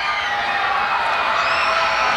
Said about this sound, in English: Crowd prompted to get loud by the scoreboard.